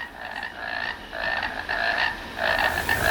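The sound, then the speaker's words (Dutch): A deafening chorus of painted frogs (family Alytidae) croaks steadily, their pulsing calls overlapping in repeated bursts roughly every half second, fairly loud, with no voices. “Welke kikkers horen we hier? Schijftongkikker.”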